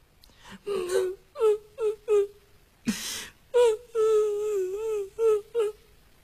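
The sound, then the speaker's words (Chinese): A narrator imitates a woman crying: a run of high, wavering sobbing wails, several short choked bursts and then a longer drawn-out moan, fairly loud with no other sound. “他们两个人一直走到矮脚虎王英住室的门外停足站立，因为他们听见屋子里边有女人的哭声。”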